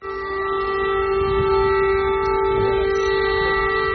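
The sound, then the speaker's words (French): An air raid siren in Kyiv sounds a loud, steady wail, holding one unchanging pitch with a rich harmonic buzz for the whole stretch, with no voices over it. “Cette alarme que vous entendez, les habitants de Kiev y sont tristement habitués.”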